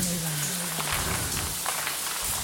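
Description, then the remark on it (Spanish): Steady patter of shower water drops in a bathroom behind a shower curtain, in a radio drama of Robert Bloch's Psycho: a dense hiss of spray with sharper individual drips scattered through it, while a low hum fades out early on. No one speaks. “Cada gota de agua parecía más fuerte, más cercana.”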